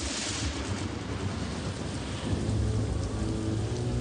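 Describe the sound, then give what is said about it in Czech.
A steady roar of heavy rain from a night storm around a hut, with a deep rumble of thunder swelling in the second half. Dense and continuous, with no voices. “Podem noci se kolem nich rozvěsnila ohlášená bouře.”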